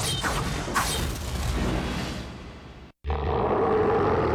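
A loud tiger roar sound effect rumbles with rough, gravelly texture, breaking off abruptly for a moment before surging back into a sustained growl. No one speaks.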